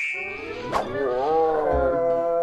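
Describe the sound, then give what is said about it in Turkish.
A bear cub growls in one long, throaty, rumbling call that wavers slightly in pitch, fairly loud and steady, with a brief sharp click near the start. “Ayıcığın sesi.”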